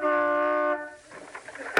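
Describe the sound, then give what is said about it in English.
A single loud, steady car horn blast, tooted from a car pulled into a house's driveway, holds for under a second, then cuts off, leaving quieter rustling background noise and a brief sharp click near the end. “Well, toot the horn, we'll see if he's home.”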